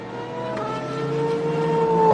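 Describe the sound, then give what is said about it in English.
A race car engine straining to come back to life as driver Molinar tries to restart the car on the circuit between turns 15 and 16, its droning, buzzy tone climbing slowly in pitch and growing steadily louder over a couple of seconds, with no one talking. “So Molinar trying his level best to find some life in the car, but it doesn't sound like it's an easy process.”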